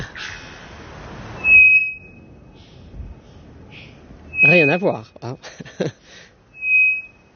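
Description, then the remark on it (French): Three loud, flat, unwavering whistle notes of an araponga (bellbird), a bird from the Amazon, ring out at intervals, each a pure steady tone around a second long whose frequency does not change, with people talking in between and a brief buzzy burst after the second note. “Ici, c'est un oiseau qu'on appelle l'araponga, qui vient d'Amazonie.”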